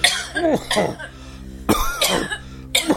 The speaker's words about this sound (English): Apparently 17% of men... This is I don't think women try and look sexy when they're doing this, but anyway, it's... coughing.